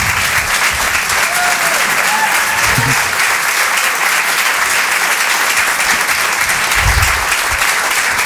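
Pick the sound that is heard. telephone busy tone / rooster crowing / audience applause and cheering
audience applause and cheering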